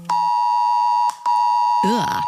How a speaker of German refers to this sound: Um 11 Uhr, also gleich schon, rappelt wahrscheinlich euer Handy. Heute ist nämlich bundesweiter Warntag. Das heißt, um 11 kriegen wir alle einen Probealarm aufs Smartphone. Das klingt dann so.